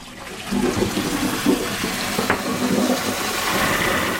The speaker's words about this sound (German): Es soll an die Klohäuschen von früher erinnern. Aber es hat eine Wasserspülung und es ist hygienisch sauber und es ist auch ein Waschbecken drin, für sich die Hände noch zu waschen.